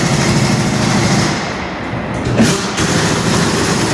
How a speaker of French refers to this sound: Donc là, on est sur le démontage de roues sur un véhicule moteur, donc justement pour pouvoir effectuer les opérations sur les pneumatiques.